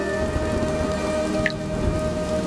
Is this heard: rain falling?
yes